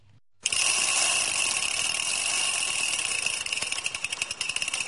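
A bicycle rides past on the Rákospatak cycle path (Bringa út) in Budapest, away from car traffic, its freewheel ticking in a fast, steady whirr with a bright metallic edge. The sound starts abruptly and continues loudly to the end, with no voices.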